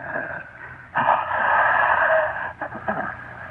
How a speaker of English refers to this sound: For the thing that I now recognized was getting so strong that it was always near me. As I grew weaker, it grew stronger. And I wondered that you couldn't hear it breathing in my room.